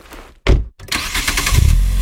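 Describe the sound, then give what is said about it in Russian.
The 238-horsepower engine of a Geely Monjaro car with all-wheel drive cranks briefly, then catches and settles into a loud, rumbling run with a deep low growl that grows stronger toward the end. No voices. “Панорамная крыша, массаж водительского кресла, а мощный двигатель 238 лошадиных сил и полный привод покоряет любую дорогу и уже завоевал меня.”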